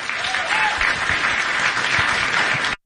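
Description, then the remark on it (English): A crowd applauds Bernie Sanders after he says he will do everything he can to make Graham Platner the next senator from Maine, dense overlapping claps forming a loud, even wash that holds for nearly three seconds before cutting off abruptly. “I don't know what's worse, him saying I'm going to do whatever I can and people in the crowd clapping.”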